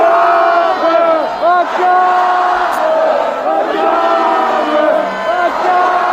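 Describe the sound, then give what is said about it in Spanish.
A large street crowd of more than 41,000 student protesters in Paris, France, gathered at Plaza Baudet demanding improvements in public education, chants and shouts together, a dense, loud wall of many voices with rising and falling cries, sustained throughout without pause. “Más de 41.000 estudiantes se han manifestado en París, donde la policía ha empleado gases lacrimógenos y cañones de agua para dispersar a la multitud reunida en la Plaza Baudet.”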